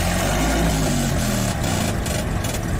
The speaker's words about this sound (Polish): Silnik na etanol miał moc 4 koni mechanicznych i za pomocą łańcucha napędzał tylne koła. Pojazd Forda mógł się poruszać z maksymalną prędkością 32 km na godzinę.